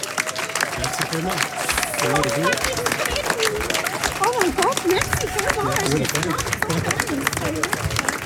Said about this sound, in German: Herzliche Gratulation, noch mal einen herzlichen Applaus.